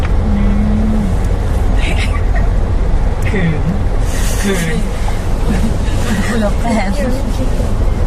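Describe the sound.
Steady low rumble of a car interior stuck in traffic near Thammasat, with about 6 km of traffic jam still ahead, the engine droning continuously while idling, with people talking over the constant hum.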